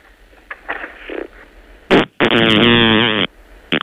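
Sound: fart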